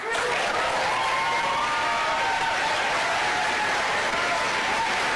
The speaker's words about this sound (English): Normally, I would be a little surprised at a whole bunch of people applauding something like this without any real detractors in the audience.